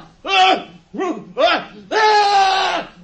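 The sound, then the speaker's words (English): A horrible human scream: several loud, anguished cries rising and falling in quick succession, ending in one long, drawn-out shriek, intense with no other sounds. “That scream! It was horrible!”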